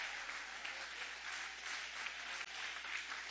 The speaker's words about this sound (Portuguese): Guarda a sua Bíblia com carinho e podem aplaudir, podem adorar, podem exaltar. Ô, glória!